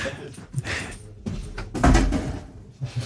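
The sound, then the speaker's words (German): A door in a radio studio is pushed shut, landing with a single dull thud partway through, surrounded by brief rustling and shuffling movement noises. “Ja, ich muss schnell die Tür zumachen, da ausreden Leute durch.”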